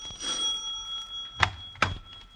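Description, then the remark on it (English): A doorbell rings twice in quick succession as visitors arrive, two bright metallic strikes about half a second apart, with a thin high tone lingering faintly between and after them. No one speaks. “Good heavens, there they are now. Oh, dear, I didn't know it was so late. Jerry! Yes, Mother? Answer the door, dear.”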